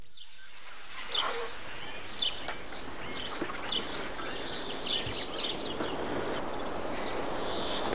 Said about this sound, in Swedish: Här hör vi alltså tornseglaren som har utsetts till årets fågel. I dessa dagar återvänder tornseglarna från södra Afrika, men arten är starkt hotad.